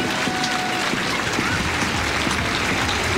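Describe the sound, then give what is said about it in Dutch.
Loud, steady applause from a large stadium crowd at an Ajax football match as substitute Kaelin Thomas comes on to play right-back, a dense crackling wash of clapping that holds at an even level throughout with no voices standing out. “Onder luid applaus naar de rechtsbackplek.”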